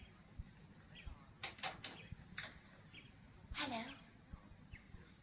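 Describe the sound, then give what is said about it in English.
A bird sings in a few short, bright bursts of chirping, spaced irregularly over a low, steady background rumble, not loud. “There's no music, only a bird singing.”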